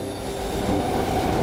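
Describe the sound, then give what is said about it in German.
An overcrowded subway train on a daily commute to work rumbles steadily along the rails, a dense low roar with faint metallic ringing above it, loud throughout with no voices. “Jeden Tag in diesem überfüllten Zug zur Arbeit fahren.”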